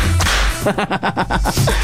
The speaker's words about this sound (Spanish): Es más, mándenle latigazo.